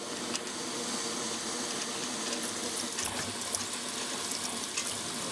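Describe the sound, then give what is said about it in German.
A steam locomotive, parked at a railway station for about an hour, hisses in a steady, broad rush, while a drain valve rattles in faint, irregular clicks on top, with noise from the pressure regulator. No one speaks. “sind immer irgendwelche Geräusche, hier an Druckregler, die Entwässerungsventil klappert da vor sich hin und irgendwas rauscht immer”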